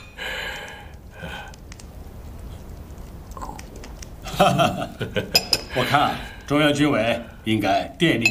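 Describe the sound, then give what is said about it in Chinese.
Teacups clink together a few times in quick succession, bright, in a toast made with tea in place of liquor, amid the rustle and clatter of a table, with people talking over and after the toast. “来，咱们以茶代酒，为我华北第三兵团在东北野战军的配合下，拿下张家口。”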